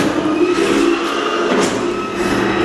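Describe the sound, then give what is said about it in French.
A battery-powered electric stair-climbing chair carries a seated person up the stairs step by step; its motor whirs steadily and fairly loudly, a continuous droning hum with slight rises in pitch, and no voices. “Et en fait, avec le moteur de la chaise, elle monte les escaliers marche par marche.”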